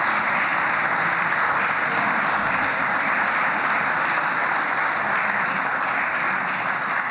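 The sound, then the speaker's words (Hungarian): Sustained applause from a large crowd in a parliament chamber during a plenary session, a dense, steady wash of many hands clapping at even loudness for the whole stretch, with no voices heard. “Megvárom, amíg tapsolnak.”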